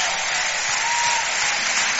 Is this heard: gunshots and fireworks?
no